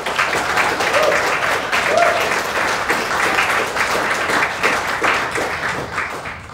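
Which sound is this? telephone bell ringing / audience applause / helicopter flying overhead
audience applause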